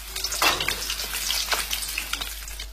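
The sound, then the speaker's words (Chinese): Goose fat sizzles steadily in a pan over low heat, a dense crackling hiss with soft pops scattered throughout, fairly quiet, with no voices. “鹅油的味道和猪油相似，成分却与橄榄油相近，口感更加清淡不抢戏，最适合卤制牛肉，文火久煎香气四溢。”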